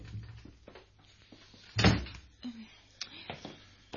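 A door is opened for someone asking to be let in, with a solid clunk near the middle, followed by a few lighter clicks and knocks of the latch and handle, over a faint low background hum.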